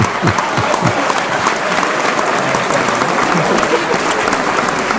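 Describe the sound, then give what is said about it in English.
A dense round of applause from a sizable crowd, steady and loud throughout, with many overlapping claps forming a continuous wash of sound and no voices standing out. “And I think you should have a round of applause as well for putting up with me every week.”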